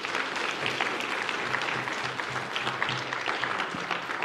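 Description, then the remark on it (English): An audience claps hands for the Lord during a church service in sustained, dense applause, steady and fairly loud throughout, with faint murmuring voices beneath. “Give the Lord a hand clap, would you please?”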